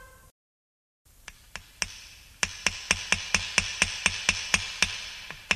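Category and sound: tool, hammering nails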